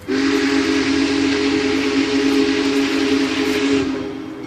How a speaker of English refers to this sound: Then we see the headlights in the distance, and before we know it, the big boy, 133 feet long, comes barreling past us, bells ringing and steam whistle blaring.